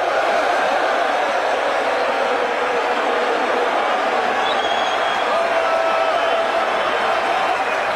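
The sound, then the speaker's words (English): A dense, steady roar of a large crowd cheering and shouting at a football (soccer) match between South Korea and the Czech Republic, loud and unbroken for the whole stretch, with no clear single voices standing out. “And the crowd goes wild.”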